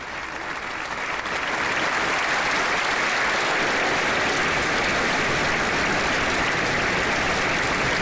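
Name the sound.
audience applauding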